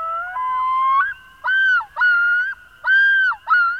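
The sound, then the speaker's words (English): A common loon calls alone in Vermont: a smooth rising wail gives way to four loud, looping yodel notes, each a clear mid-pitched tone broken by short pauses. “Vermont is home to one of North America's most beloved water birds.”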